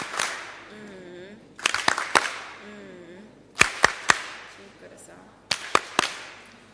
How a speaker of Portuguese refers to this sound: Palmas carinhosas.